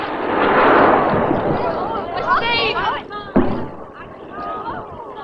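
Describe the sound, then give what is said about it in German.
Distress rockets go off from a ship: a broad rushing roar swells, then a single sharp bang cracks out, while several voices talk and call over the noise. “Sieh doch mal, da kommt ein Schiff, das feuert Raketen.”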